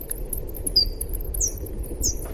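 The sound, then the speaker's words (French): Slowed-down bat echolocation calls, the ultrasounds bats make to orient themselves in space: a few short, high chirping sweeps at uneven intervals, some with two distinct notes, over a low rumbling background with no talking. “Et donc Gaëlle, qui a la technique, va nous passer un son d'écholocation.”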